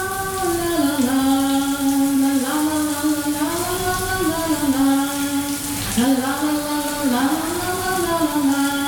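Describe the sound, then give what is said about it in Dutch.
A tap runs steadily with a constant hiss of flowing water, while a loud, wavering tonal sound rises and falls above it throughout. It is presented in a Radio NL sound quiz as a shower curtain closing and the tap starting to run. No distinct curtain sound stands out. “Het gordijntje dat sluit en de kraan gaat stromen.”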